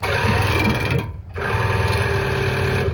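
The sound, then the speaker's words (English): An ear irrigation machine flushing a person's ears with water runs loud, a harsh, rapidly pulsing mechanical whir with gushing water. It cuts out briefly partway through, then resumes. No one speaks. “This is me getting my ears flushed. This is what it sounded like.”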